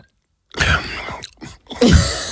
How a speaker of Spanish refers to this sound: Voy a beber agua. Vale. Y hace dos cosas. La primera, esta. Baja todo para que se pueda oír. Esta. Uy, ¿cómo se oye el vaso? Mira.